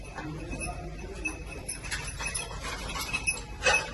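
Faint, irregular jingling from a search dog of the Madrid ERICAM emergency team looking for survivors under rubble in a garage with crushed cars near Caracas, Venezuela, small metallic tinkles coming in scattered bursts over a low, steady background rumble, with no voices.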